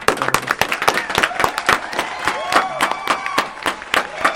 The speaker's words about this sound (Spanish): Le agradecemos, se despiden con un aplauso.